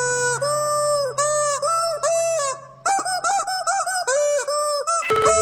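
A heavy metal riff played as a squeaky, honking melody: loud sustained pitched notes in a slow, stepping rhythm over a steady low hum, ending with a brief burst of noise.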